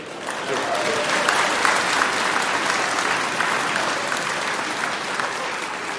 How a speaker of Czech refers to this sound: Jsem vám vletěl do potlesku, promiňte, ne?